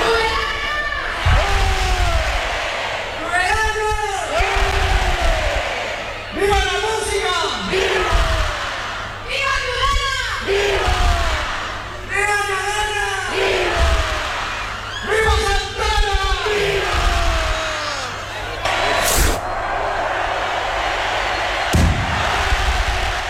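A large, loud crowd cheers and chants in rhythmic surging waves of shouting at the opening of the 2026 Santa Ana festival in Tudela, with a couple of sharp bangs cutting through near the end from the opening rocket, launched from a balcony by the Fernando Remacha music school.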